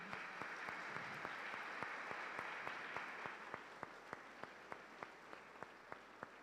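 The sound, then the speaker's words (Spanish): Church audience applause at Sagrado Corazón de Jesús welcoming the parish communities of San Juan Bautista, Colonia Casablanca, and their pastor; dense clapping at first that thins out into a few scattered, distinct claps near the end. No voices are heard. “Un fuerte aplauso.”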